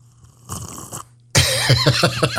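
Loud slurping of coffee: a short airy suck, a brief pause, then a longer, louder gurgling slurp with warbling whistly tones. No talking.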